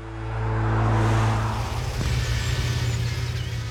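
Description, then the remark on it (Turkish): A DeLorean car engine rumbles with a deep, steady drone that swells as it passes, then settles into a throbbing, pulsing idle. No one speaks. “DeLorean'dan bahsediyorum. Bir DeLorean diyorum.”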